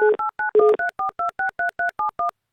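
A brief dial tone, then a quick, even run of about a dozen touch-tone beeps as a phone number is keyed in, each a clear two-note chirp, with no voices.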